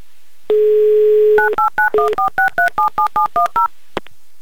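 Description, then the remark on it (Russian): A steady telephone dial tone hums briefly, then a phone number is keyed in as a quick, even run of about eleven beeping touch-tone digits, ending with a small click, as Humor FM radio hosts call a listener live on air. “ждите нашего звонка.”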